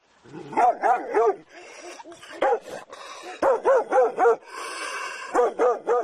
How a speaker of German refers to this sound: Da war er auch schon, der bissige Hund, und als ich mich dem Haus gegenüber zuwandte, merkte ich nicht, dass er durch eine offene Gartenpforte schlüpfte.